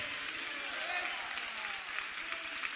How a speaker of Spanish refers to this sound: Démosle un aplauso al Señor, aleluya.